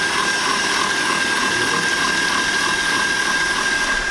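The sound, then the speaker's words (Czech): A stand mixer with a balloon whisk whirs steadily at top speed, whisking eggs with caster sugar for a sponge cake: a loud, even motor drone with a bright whine running through it and no pauses or voices. “Vezmeme si balonovou metlu do robota na nejvyšší otáčky a pak 10-15 minut, ať se nám to šlehá.”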